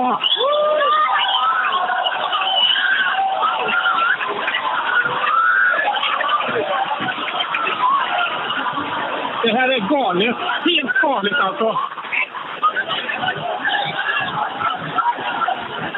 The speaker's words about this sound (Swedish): Ja, du hör. Jag hör jublet i bakgrunden och människor som visslar.